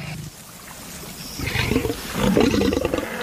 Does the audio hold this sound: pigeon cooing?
no